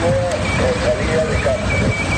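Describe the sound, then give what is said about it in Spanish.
A pedestrian crossing signal at a traffic light in Santiago, the Galician capital, beeps in a steady repeating pattern of short high tones over a constant rumble of street traffic, with some indistinct voices in the background. “Bueno, en Santiago ese pitido, este ya es un sonido del pasado. Los semáforos de la capital gallega se han quedado completamente mudos.”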